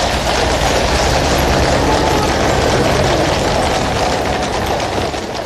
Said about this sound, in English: horse's hooves there, and because it's London, the gentle sound of rain.